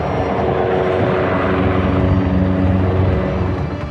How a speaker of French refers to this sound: Image insolite, les hélicoptères bombardiers d'eau viennent s'approvisionner dans les jardins du château de Fontainebleau.